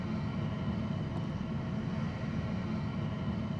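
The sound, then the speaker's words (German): Steady low engine rumble with a broad hum as a TUI fly passenger jet taxis slowly along a taxiway at Hannover Airport toward Gate 13, led by a follow-me vehicle; continuous, with no voices. “Das ist unsere TUI-Fly. Die nehmen wir jetzt und bringen sie sicher zum G13.”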